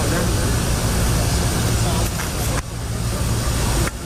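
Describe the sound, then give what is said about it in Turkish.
A loud, steady jet engine roar from the plane carrying Turkish President Erdoğan as it lands at Nur Sultan Nazarbayev Airport in Astana, Kazakhstan, fills the whole stretch, continuous, with the rumble dipping briefly a couple of times before surging back. “Ardından Erdoğan ve beraberindekileri taşıyan uçak Kazakistan'ın başkenti Astana'daki Nur Sultan Nazarbayev Havalimanı'na indi.”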